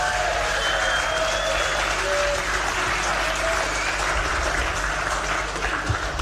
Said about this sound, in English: So just please, if we can give a round of applause for our judges over the last 2 days.